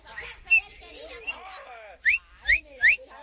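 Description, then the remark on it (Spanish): A person whistles in imitation of a little songbird singing from 6 in the morning: a warbling run of notes, then three loud, sharp upward-sweeping chirps in quick, even succession. “Un pajarillo cantador desde las 6 de la mañana.”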